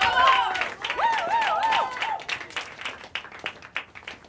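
A comedy club audience breaks into dense applause for the next comedian being introduced, joined by a wavering whistle or whoop early on. The clapping then thins out into scattered individual claps.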